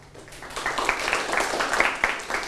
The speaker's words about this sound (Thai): ปรบมือให้กลุ่มที่1